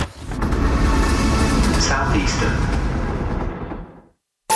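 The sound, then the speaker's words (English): A loud, steady rumbling roar of a train running on rails, with rattling and clattering layered through it, holding for about four seconds before cutting off abruptly. “Take the train with Southeastern.”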